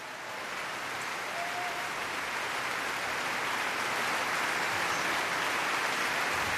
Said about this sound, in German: Er kommt noch einmal auf die Bühne, verneigt sich und auch das ganze Orchester klatscht für ihn.